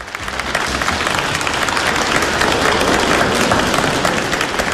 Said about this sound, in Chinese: 感谢您各位的掌声， 谢谢大家。